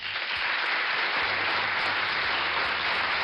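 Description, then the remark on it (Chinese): A burst of applause from many hands, dense and steady for the whole stretch, loud with no voices over it. “小蝴蝶也为他鼓掌说，嗡嗡嗡嗡，你的进步真的好大呀。”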